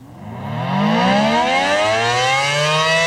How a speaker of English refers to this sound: People living near the Ginay nuclear plant will hear sirens this next hour, but there is no emergency.